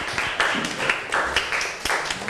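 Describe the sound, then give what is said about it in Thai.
A group of students claps together in a classroom for their classmates in group 1, a dense crackle of many hands with faint rhythmic surges, steady and moderately loud for a couple of seconds. “ค่ะโอเคค่ะขอเสียงปรบมือให้กับเพื่อนกลุ่มที่1ของเราด้วยนั่นเองนะคะ”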